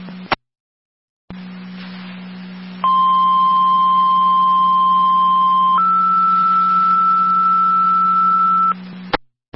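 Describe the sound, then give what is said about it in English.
Radio dispatch paging tones, a second set sent out for a tree in the roadway on Coleman Road: a steady tone at about one second runs for three seconds, then steps up to a higher pitch for another three, loud and clean over a constant low hum of radio carrier. “Right to the Barker, second set of tones for your tree in the roadway”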